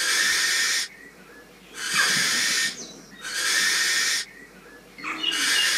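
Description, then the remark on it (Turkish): A barn owl chick's harsh, hissing screech repeats four times in long, breathy bursts, each about a second long with short pauses between, loud. “Yani hemen istiyorsan kısa olarak peçeli baykuşun sesini dinletiyorum.”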